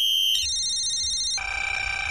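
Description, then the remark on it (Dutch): A loud electronic alarm sound effect used on the radio show Menno in de Middag to cue a call-in giveaway of tickets for ADO Den Haag versus PSV: bright, buzzy sustained tones that jump between a few different pitches over about two seconds, heard on its own with no voices. “Want tussen 12 en 2, morgen, de donderdageditie van Menno in de Middag, kan jij dit alarm voorbij horen komen.”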